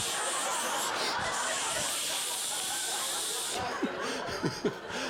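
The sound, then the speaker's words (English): A steady, continuous spray from an aerosol deodorant can that would not shut off hisses for several seconds, fairly loud, then cuts off as a voice starts talking with short laughs. “I'm pulling shirts off the floor, just spraying the armpits.”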